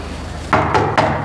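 Three firm knocks on a door in a quick, steady rhythm, close and fairly loud, with no voices.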